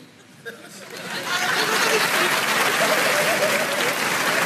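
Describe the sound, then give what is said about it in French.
An audience at a show in Montreux breaks into applause, starting softly and swelling within a second into steady, dense clapping that holds loud to the end, with a bit of crowd chatter mixed in. “Par applaudissement, il y a des gens qui ont des amis.”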